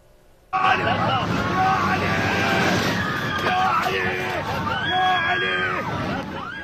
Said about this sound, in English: Video shows passengers on board the flight bound for northwestern Iran screaming.